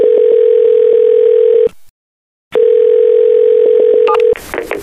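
A steady, loud telephone ringback tone, heard while calling a factory manager, drones for over a second, cuts to silence, then resumes and holds before a brief burst of noise at the end, with no one speaking.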